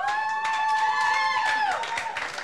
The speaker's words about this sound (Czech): Dobrý, já myslím, že stačí. Potlesk pro ně, prosím.